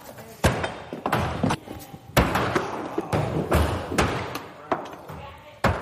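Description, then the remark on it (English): Thrown axes thud into wooden targets again and again, sharp heavy impacts landing at irregular intervals, with people talking in the background between hits. “I mean, it kind of gives you the ability to throw it with two hands, and it has more weight, so it'll kind of pull it into the target for you.”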